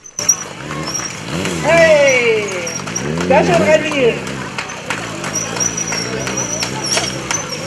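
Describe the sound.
A motorcycle engine revs loudly, its pitch swooping up and down in repeated surges, while a voice calls out over the roar and background chatter continues.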